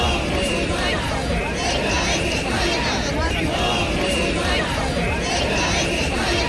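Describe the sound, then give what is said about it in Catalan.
A large protest crowd in Spain, led by parties such as the Partido Popular and Vox, chants a slogan about Ceuta in unison, such as "Ceuta, no se vende", the loud massed voices rising in a steady repeating rhythm roughly every second, with constant crowd noise filling the gaps. “Persones encapçalades per partits com el Partit Popular i Vox es van manifestar en diverses ciutats de l'estat amb crits com aquest, Ceuta, no se vende, Ceuta no es ven, però també Ceuta és Espanya.”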